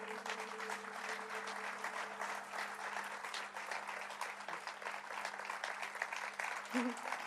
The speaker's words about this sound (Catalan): Així que un aplaudiment per ….